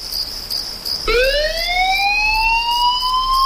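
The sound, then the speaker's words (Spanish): A Bomberos de Tenerife fire engine siren starts up abruptly after a steady high insect-like chirring, its wail rising gradually in pitch and staying loud and continuous to the end, as the engine heads out at 4 a.m. to an emergency call somewhere on the island of Tenerife. “Son las 4 de la madrugada, suena un aviso, alguien necesita ayuda en algún punto de la isla.”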